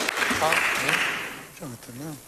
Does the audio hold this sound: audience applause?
yes